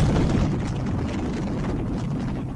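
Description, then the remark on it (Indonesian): A deep, continuous rumbling roar like a volcanic eruption, heavy and steady for a few seconds, with no voices. “Bak gejolak ombak menerjang pantai, bagai gemuruh lahar mendidih di dada gunung Merapi.”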